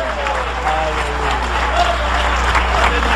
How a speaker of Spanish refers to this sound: ¿Cuántos creen que el Señor está aquí esta noche? Dale un aplauso de poder a Jesús.